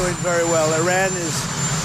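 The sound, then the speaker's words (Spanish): A man gives a statement beside a helicopter, speaking over a steady, loud roar of helicopter engine noise, with a constant high whine running beneath his voice throughout. “Lo que contrasta con estas palabras de la misma declaración a pie de helicóptero, en las que asegura que Teherán está dando avances positivos.”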